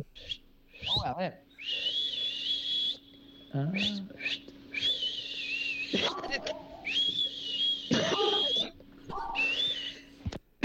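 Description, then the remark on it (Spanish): A radio caller from Santa Elena whistles an imitation of a thrush (zorzal) song: four long, high, warbling phrases, fairly loud, separated by short breathy or voiced sounds and a faint steady hum underneath. “Algo parecido al zorzal.”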